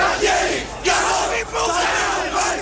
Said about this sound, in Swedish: What was intended as a rally of support quickly erupted into angry denunciations of Galtieri and his commanders for losing the Falklands.